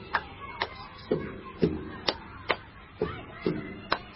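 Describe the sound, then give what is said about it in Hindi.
Practising clapping patterns: a steady rhythm of two sharp hand claps followed by two duller, lower slaps on a table, repeated twice, with no talking. “देखो मैं दो बार हाथ से मारूंगा और दो बार टेबल पर, तो देखो कैसा मजेदार लगता है।”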